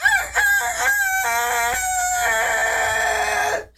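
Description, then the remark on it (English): A person loudly imitates a rooster's crow, one long drawn-out cock-a-doodle-doo with rising and wavering harmonic tones lasting several seconds, with no other talk. “Do you want to hear my rooster?”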